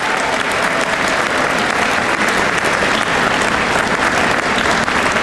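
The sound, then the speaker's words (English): A crowd at an Honor Flight event applauds steadily, many hands clapping in a dense, even roar that holds at a constant loud level for about five seconds with no voices over it. “I also think, go ahead, clap for that too.”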